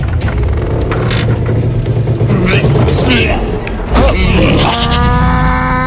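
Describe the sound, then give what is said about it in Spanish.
The heavy wooden hatch of the ark creaks shut amid a loud, dense clatter and rumble, ending in a long, drawn-out tonal groan. Voices murmur under the noise throughout. “Niña, cierra la compuerta.”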